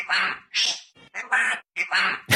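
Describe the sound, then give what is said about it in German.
A parrot lets out a rapid series of harsh, raspy squawks, about five loud bursts in quick succession, with no one talking. “Okay, du glaubst, er ist so ein Papagei und er hat die ganze Zeit um Hilfe gerufen, ne?”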